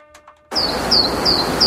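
After a brief quiet moment, a steady hiss of ambience starts abruptly and birds chirp four times in a regular, evenly spaced pattern, bright, used as a wake-up alarm tune.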